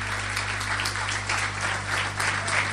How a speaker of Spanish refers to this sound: Aleluya, denle un aplauso al Señor si quiere hacerlo.